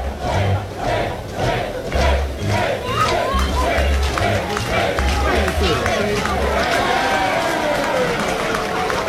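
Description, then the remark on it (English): A large crowd at a Georgia Tech college baseball regional game chants and cheers in a steady rhythm, making a game of when batter Dayton LaChance gets back in the batter's box; loud and sustained, with rising shouts and clapping mixed into the roar; no commentary is heard over it. “Crowd making a game out of when Dayton LaChance gets back in the batter's box.”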